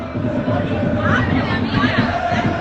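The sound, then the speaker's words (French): A dense crowd of UBB rugby supporters in Bilbao, about 500 to 600 metres from the San Mamés stadium, shouts and chants in a continuous loud roar, many voices overlapping with rising yells and no pauses throughout. “Écoutez, il n'y a que les supporters de l'UBB qui sont présents dans Bilbao ou presque et ça hurle.”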